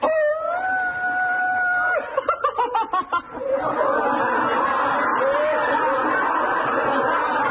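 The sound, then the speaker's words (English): A man's voice imitates a wolf howl, holding a steady, drawn-out wavering tone for about two seconds, followed by choppy vocal yelps and then a continuous wash of crowd noise. “There's something over there. Look, it's a wolf.”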